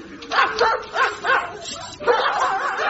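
Several dogs in pens bark and yip in quick, overlapping bursts, a steady rhythmic chorus that briefly pauses before picking up again with continuous yapping.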